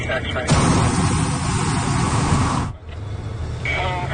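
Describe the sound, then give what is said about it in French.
A hot air balloon burner fires in one loud, steady roaring blast of about two seconds that cuts off abruptly, followed by a brief quieter stretch and a faint voice. “Oh oui, on entend encore un autre coup.”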